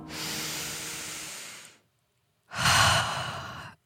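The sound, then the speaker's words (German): A deep breath drawn in, a short pause, then a fuller, relieved exhale, both clearly audible with a breathy hiss and no talking. “Endlich wieder gescheit atmen können.”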